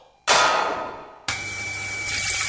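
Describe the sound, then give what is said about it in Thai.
Loud, steady gushing water from a burst water pipe at a house bursts in suddenly, then cuts to a second forceful rush with the constant mechanical hum of a water pump running nonstop beneath. “นึกว่าบ้านมีน้ำตกที่ไหนได้ท่อน้ำแตกแล้วเสียงปั๊มดังกระหน่ำไม่หยุดเลย”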